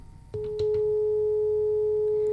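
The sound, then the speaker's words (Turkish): A couple of sharp clicks on a phone line, then a steady, unbroken telephone tone hums on alone, fairly loud and clear, after a caller's phone connection dropped. “Maalesef hattan düştü arkadaşımız.”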